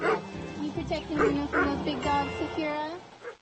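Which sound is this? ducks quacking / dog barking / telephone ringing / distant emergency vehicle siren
dog barking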